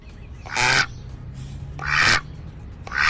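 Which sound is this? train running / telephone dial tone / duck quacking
duck quacking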